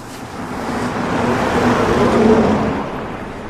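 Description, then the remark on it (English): A single car drives past on the road, its engine and tyre rumble swelling to a peak midway and then fading as it moves off. No one speaks. “There's one more car to pass by my count, and the hotel is empty.”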